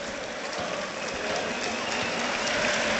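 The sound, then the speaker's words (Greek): A stadium crowd applauds Ounahi as he goes to take a corner for Panathinaikos, a dense wash of clapping that holds at an even, loud level for the whole three seconds with no voices standing out. “Δέχεται και το χειροκρότημα.”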